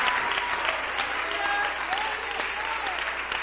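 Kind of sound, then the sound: crowd, audience applause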